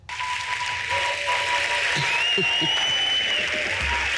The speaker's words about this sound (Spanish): El momento más emotivo llegó con la entrega del Thalía de honor a María Galiana, recibida con una larga ovación por parte del público y de sus compañeros de profesión. Vamos a escuchar cómo reaccionaba María Galiana a esa ovación de varios minutos.